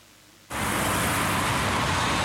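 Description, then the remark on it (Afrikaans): After a half-second of near silence, a radio traffic news jingle: a loud, steady roar of road traffic and car engines cuts in abruptly and holds without a break, dense, with no voices. “Luister FM verkeer. Hy weet ons baie verkeersnuus as jou jingle opraak”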